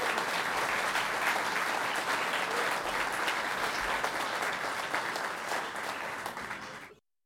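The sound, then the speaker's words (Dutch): An audience at a a band concert in the Azijnfabriek in Den Bosch on 31 July 2024 applauds the double bass player, clapping steadily and loudly for about seven seconds, a dense, continuous patter of many hands that tapers slightly at the end before stopping abruptly. “Dus geef hem een hartelijk applaus op de contrabas,”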